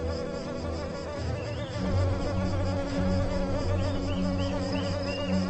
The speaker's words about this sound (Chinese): 水面是蚊子的乐园，雌雄相聚在这里，开着狂欢派对。